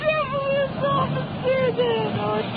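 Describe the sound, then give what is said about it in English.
Indistinct voices murmur together over a steady low rumble of traffic, like a small crowd gathered on a busy street, continuous. “We're just attracting a crowd here.”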